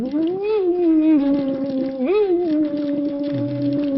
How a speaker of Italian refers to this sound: Deve fare le bolle, se non fa le bolle vuol dire che non sta chiudendo.